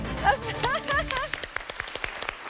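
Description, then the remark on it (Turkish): Brief talk and excited voices give way to a short burst of quick, irregular hand claps, a few people clapping for a friend for about a second before it stops. “Hemen böyle alkışladın arkadaşını.”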